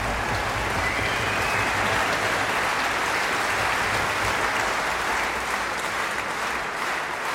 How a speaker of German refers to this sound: Begeisterter Applaus für die Bamberger Symphoniker und ihren Ehrendirigenten Manfred Honeck.